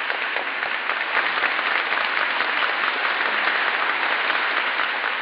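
crowd ovation and applause

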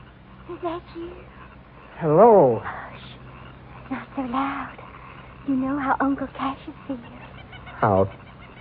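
bird calling

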